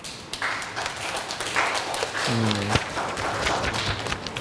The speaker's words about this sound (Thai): ก็กลุ่มนี้ก็ได้นำเสนอชิ้นงานเป็นที่เรียบร้อยแล้วนะครับปรบมือให้เพื่อนหน่อยครับ